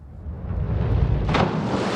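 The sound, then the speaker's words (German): A loud, heavy smack of a splash diver's body hitting water flat in a full belly landing meant to crack as loudly and spray as high as possible, followed by a rushing spray of splashing water that stays loud to the end. No one speaks. “Das ist halt eine Landung aus dem Splash-Diving und das soll es halt so laut wie möglich knallen und hochspritzen das Wasser quasi.”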